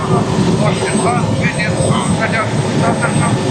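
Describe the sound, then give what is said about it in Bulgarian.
A Bulgarian army Cougar helicopter's engine and rotors roar loudly and steadily as it approaches a fire 7 km south of Katunitsa, with a voice talking over the continuous noise. “Хеликоптера се доближава до пожара.”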